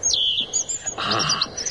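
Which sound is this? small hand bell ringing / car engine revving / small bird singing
small bird singing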